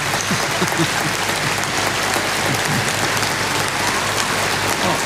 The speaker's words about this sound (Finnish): Yleisö hurraa seisaltaan. Tämä on ainutlaatuista ja hienoa.